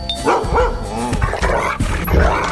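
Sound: dog barking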